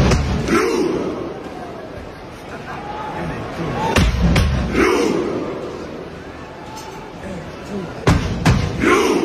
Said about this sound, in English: Norway does a Viking row chant where a guy bangs a drum and they all row as like a stadium. Here it is for you.